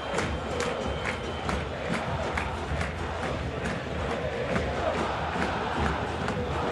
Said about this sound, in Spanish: Canta Boca, canta, escuchá.